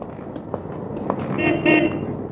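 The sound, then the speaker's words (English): A car horn honks twice in quick succession at a pedestrian, two short blasts over a busy, noisy street background. “Look out, Belle. What are you dreaming about? Oh, I did see that car.”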